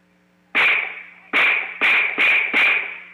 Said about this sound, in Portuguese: Era noite de domingo, pouco depois das 8 horas. No bairro Cidade Nova, o silêncio de uma rua comum seria interrompido por tiros.